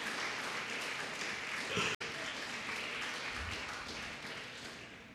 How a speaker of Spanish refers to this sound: Honra al Señor. Denle un fuerte aplauso a Cristo Jesús.